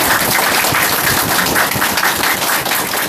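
An audience applauds steadily for about three seconds, a dense, loud wash of many hands clapping at once with no pauses and no voices over it, welcoming an ideological and political education teacher from Yunnan Tourism Vocational College to speak.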